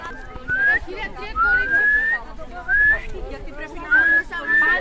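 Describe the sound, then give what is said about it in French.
A person whistles a series of short rising notes, about four or five calls spaced a second or so apart, clear over a murmur of background voices, guiding a blindfolded player in a children's game of blind man's buff (Colin-maillard). “En fait, je le guide avec le sifflement.”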